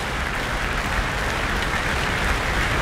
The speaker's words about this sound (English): Well, John Wilson returning once again, and the Proms audience stamping their feet. He's holding his hands to his ears and he's got his thumbs up.